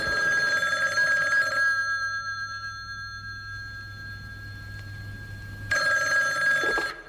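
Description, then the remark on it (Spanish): A telephone rings in two bursts separated by a pause as the intro of a song, its bright trilling bell tones loud, with a low steady hum underneath between the rings. “Teléfono y todo, así de moderna,”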